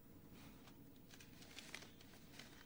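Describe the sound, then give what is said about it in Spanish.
An investigator leafs through papers, a run of soft crinkling rustles and brief flicks spaced irregularly over a low steady background hum, with no one speaking. “El investigador hojea los papeles.”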